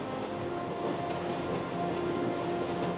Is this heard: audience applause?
no